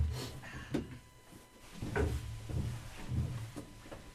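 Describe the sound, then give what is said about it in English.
A heavy shelter door held by four big latches is worked open with a series of clunks and knocks, metallic latch clicks and scraping thuds spread over several seconds, moderately loud. “So these big latches here, four of them, hold the door from being pulled out. So let's go on in.”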